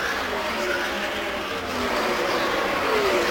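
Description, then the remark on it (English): Race cars roar past on a race track, coming through turn 4 and heading toward turn 1. A dense, steady wash of engine noise with faint whining tones sliding up and down as cars go by, loud throughout. “And all the cars have gone safely through 4, then that battle headed already to 1.”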